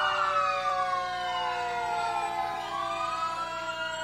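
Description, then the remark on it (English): The siren of Engine 31 of the Crete Fire Department, from Crete, Nebraska, wails steadily in a parade, its tone sliding down and then rising again, loud over a low rumble of traffic, with no voices. “Next, Crete Fire Department. Oh, and here's Crete, Nebraska's, 10 miles to the north of us. Engine 31.”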